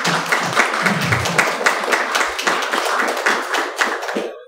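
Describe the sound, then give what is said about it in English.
Sustained audience applause, a dense crackle of many hands clapping at a steady loudness for several seconds, then quickly tapering off at the end. “Can you please give them a round of applause?”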